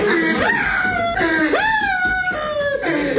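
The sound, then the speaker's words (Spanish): A man cries loudly, his wailing sobs rising and falling in pitch in several drawn-out, breaking moans, with no other talking. “Ahí está llorando el vato.”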